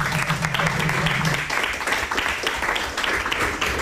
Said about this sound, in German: Es gibt Applaus.